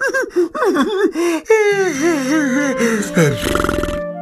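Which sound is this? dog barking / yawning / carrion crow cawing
yawning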